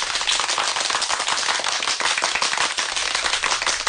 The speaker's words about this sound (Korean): 사람들은 뜨거운 박수를 보내며 모태똥의 말뜻을 되새기한다.